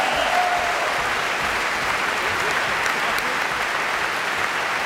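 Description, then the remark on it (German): Steady, dense applause from a large audience at the Staatsoper, an extra round directed toward the back, many hands clapping in a continuous loud wash that holds evenly for about five seconds with no one speaking. “Und ich finde, das ist ein extra Applaus nochmal nach hinten.”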